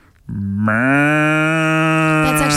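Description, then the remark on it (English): A person's voice imitates a cow, giving one long, loud, steady moo that rises slightly at the start and holds for about two seconds. “Are you good at making any animal noises? I can do a cow.”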